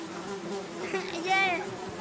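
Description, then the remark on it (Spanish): A housefly buzzes close to the microphone in a steady, droning hum that swells and wavers as it circles, lasting the whole two seconds. “Mira, hay mosques.”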